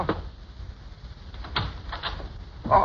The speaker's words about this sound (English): coming around just about now, pounding on the back door.